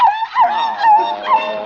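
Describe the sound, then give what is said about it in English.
A small Pekingese dog named Princess Lotus Blossom whimpers while being given a bath, a continuous, high, wavering whine that rises and dips in pitch for under two seconds, fairly loud, with no talking. “I'm giving this Pekingese a bath.”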